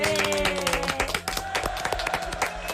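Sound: applause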